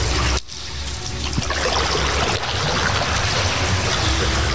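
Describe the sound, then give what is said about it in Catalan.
Steady water sloshing and trickling around a small boat gliding horizontally through an underground cistern beneath a castle's parade ground, with a reverberant sound and no one speaking. “Ara n'hi ha una mica d'aigua. I baixem, i entrem, i pugem a la barca.”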